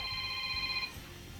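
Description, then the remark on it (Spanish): A telephone rings once with a steady, bright electronic trill that lasts under a second and then cuts off, leaving a faint low hum behind. It is a listener calling in to the radio station La Que Buena. “Hay que contestar aquí, suena la que buena.”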